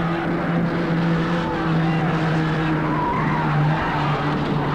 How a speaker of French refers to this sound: Le corps de Genevois est tiré par la voiture. Il traîne dans le sable.